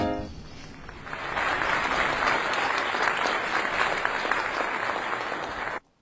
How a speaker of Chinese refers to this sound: 也给个掌声啊